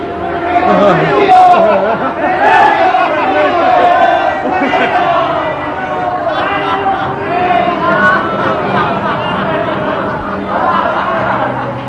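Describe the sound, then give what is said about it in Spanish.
A huge crowd of thousands of spectators shouts and clamors together as one cry, voicing a mocking slogan, a loud, dense roar of many voices sustained for the whole stretch with no single words standing out. “Como un solo grito, arrancado de millares de espectadores, vibró en el aire el lema burlón y fatídico.”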